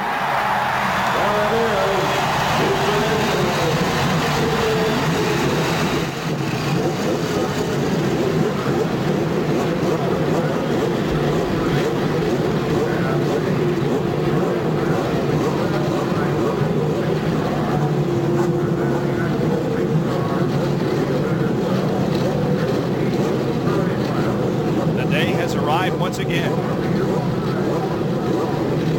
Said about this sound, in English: it's hard to believe that we're about ready to start the 77th running of this great classic. 33 cars roaring to life here on the main straightaway.